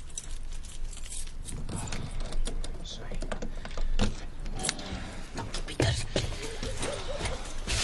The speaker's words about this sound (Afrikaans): Vir wat is die caravan se deur gesluit? Gevra jy op hierdie pa? Hou aan, ek het my sleutels hier.